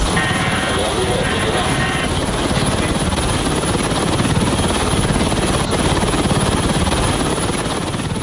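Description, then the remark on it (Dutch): A helicopter's rotor thuds in a steady, loud, rapid chop with a broad engine roar through all eight seconds, as the French navy boards a Russian oil tanker sailing under a false flag in the Mediterranean Sea; faint voices may sit underneath. “Je hoort hier de Franse marine die in de Middellandse Zee een Russische olietanker entert die onder valse vlag vaart.”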